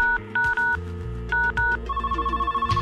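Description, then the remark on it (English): A wall-mounted home landline telephone sounds a series of short electronic tone beeps in quick pairs, then a steadier continuous tone, heard alone with a faint low hum beneath. “A phone at home, usually attached to a wall, that could connect you to your friends, your grandparents, or whoever else was on the other end.”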